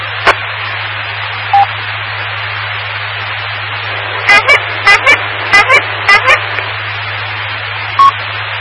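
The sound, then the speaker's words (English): A bicycle horn on a bicycle-mobile ham radio station, heard over the radio: a quick series of about eight short, bright squawks, preceded by a lone toot, all over a steady bed of radio hiss and low hum. “I remember the first time you honked the horn, I had you come back and do it again.”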